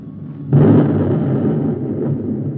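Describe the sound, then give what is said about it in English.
A guided missile hits a robot: a sudden loud explosion bursts in after a low rumble, then a broad roaring blast holds steady for two seconds and slowly thins out, with no voices. “Number one missile fired, sir.”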